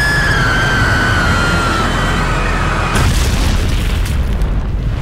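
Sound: plane crash explosion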